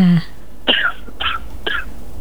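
Three short, dry coughs in quick succession, fairly loud, following a brief voiced sound at the start.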